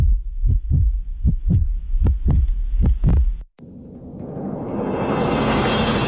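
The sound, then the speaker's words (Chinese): Deep, booming heartbeat thumps in four lub-dub pairs, quickening slightly, then cut off abruptly by a rising, brightening whoosh of noise that swells until the end. “心跳再加速，名额再燃烧”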